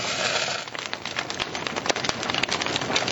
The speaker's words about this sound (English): Right now, we're burning some oak logs. But if we were to break things down a little bit more, we'd say that we're burning hydrogen, sulfur, and carbon. As you can feel, this fire is really hot, about 900 degrees Fahrenheit.